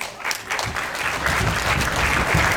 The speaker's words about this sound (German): Aber erstmal soll dem Filmteam ganz viel Applaus geschenkt werden.